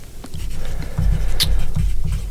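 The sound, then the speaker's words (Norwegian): Faint scratching of a pen writing on paper in short, irregular strokes over a low, uneven rumble, with one brief sharper scrape partway through. No one speaks. “Hører jeg skriver noe?”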